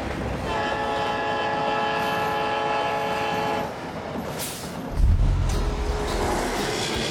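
A train passes along the railway tracks, sounding a long, steady horn blast before giving way to a heavy rumble and clatter of wheels on rails.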